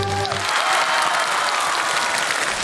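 A brief voice trails off, then an audience breaks into steady, dense applause on a windy day for a stunt challenge: standing on eggs over glass, balloons and paper while bursting five balloons with a steel needle. Many hands clap at once, loud.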